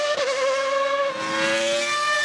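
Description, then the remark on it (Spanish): The engine of the famous 1990 Formula One car driven by Prost screams at high revs, loud, its shrill whine dipping briefly in pitch before holding steady for about two seconds, with no voices. “Aquí estamos el motor de el famoso camión de 1990 que condujo a la Prost.”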